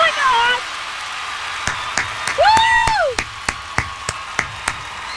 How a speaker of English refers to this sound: Yeah, the claps do not sound good when they're Yeah, I kind of like it when you do yourself sometimes, though.